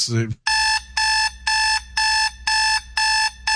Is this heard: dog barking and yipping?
no